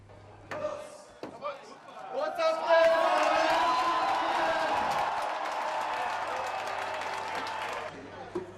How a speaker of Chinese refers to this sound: 慕尼黑市长在众声的欢呼声中凿开了第一桶啤酒。今年的慕尼黑啤酒节已经是第191届，为期16天。